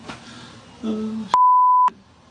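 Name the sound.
phone beeping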